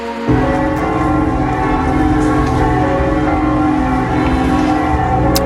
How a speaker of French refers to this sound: les avez peut-être entendus à côté de chez vous, sur les églises de village, les cloches dans toute la France qui ont carillonné pendant 7 minutes. C'était à 10h du matin pour accueillir le pape.